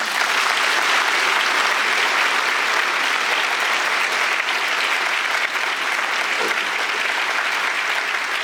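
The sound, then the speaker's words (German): Sustained applause from a large audience in the Paulskirche in Frankfurt, a dense, steady wash of clapping that stays loud and even throughout with no voices standing out. “Schön, dass das mit dem Applaus geklappt hat.”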